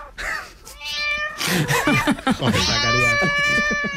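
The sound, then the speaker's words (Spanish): Cats meow and caterwaul in drawn-out, wavering yowls, several overlapping cries rising and falling in pitch with a long sustained wail at the end. “Son 3 animales tranquilos, no como los que nos ha puesto Zacarías”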